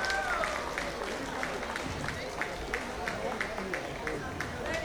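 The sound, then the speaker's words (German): Steady applause from a crowd at the Weiß-Blauer Stammtisch from Tirol fills the whole stretch, a dense wash of clapping with a faint regular beat running through it and a murmur of voices underneath. “Noch mehr einen kräftigen Applaus, meine Damen und Herren.”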